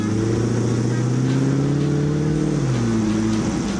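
A 450-horsepower, roughly 800 kg vehicle's engine revs with a loud, steady drone whose harmonics climb, then drops in pitch near the end as the revs fall and rise again, with no voices present, in Annecy while it is snowing.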